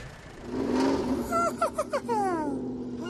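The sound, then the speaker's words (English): A tractor engine rumbles steadily, breaking into a quick run of chugging, sputtering pulses midway before settling back into a droning hum. “Or Elmo could drive a tractor.”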